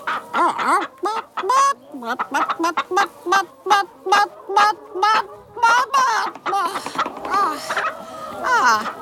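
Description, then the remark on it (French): A person imitating a hen clucking while laying an egg: a steady run of short, loud clucks, about a dozen in quick succession with brief gaps, rising into longer squawks near the end. “Tu me déconcentres. Je ponds.”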